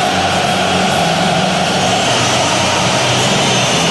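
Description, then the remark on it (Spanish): A stadium crowd whistles loudly while the song for the English team is played, a dense, unbroken roar with shrill whistles blended into it, holding steady for the whole stretch without any talking. “Por eso los silbidos.”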